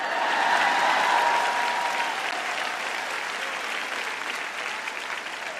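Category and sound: crowd, audience clapping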